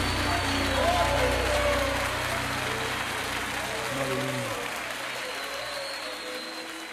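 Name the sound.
audience applauding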